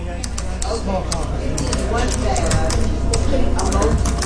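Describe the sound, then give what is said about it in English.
A busy coffee shop's ambience: a steady wash of overlapping murmured voices, with frequent sharp clicks and clinks of cups, dishes and utensils scattered throughout, filling the space evenly from start to finish. “The sound of a busy coffee shop takes me back to 2009 in Jacksonville, Florida.”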